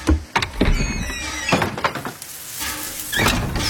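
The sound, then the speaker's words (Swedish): A train's mechanical door slides open at night with a hiss, squealing and a few thunks and clunks as it moves, fairly loud, with no voices. “Dörren öppnas.”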